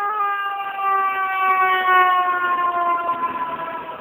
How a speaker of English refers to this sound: Here comes a fire engine. Bright, bright, colorful sirens.